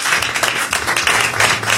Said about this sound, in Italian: C'è lì Dan Battista appoggiato al pilastro. Fategli un applauso.